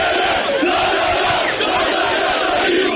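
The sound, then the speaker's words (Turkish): A large crowd of Galatasaray fans cheers and chants, celebrating the team's championship at Dedikli Çınar Meydanı in Denizli: a dense, loud, continuous roar of many voices with shouts rising above it, and no single speaker standing out. “Galatasaray'ın şampiyonluğu Denizli'de coşkuyla kutlandı.”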